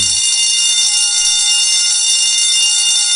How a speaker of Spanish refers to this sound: Así que ya se la sabe, en cuanto usted escuche la chicharra.